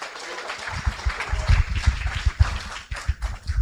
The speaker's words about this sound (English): Oh, we got fanciness on the stage, y'all clap.